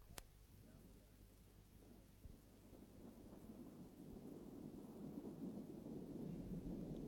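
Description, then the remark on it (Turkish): Low, rolling thunder rumbles continuously while a steady hiss of rain builds and grows louder toward the end, with a brief sharp crack near the start. “Gidelim artık. Yağmur yağacak.”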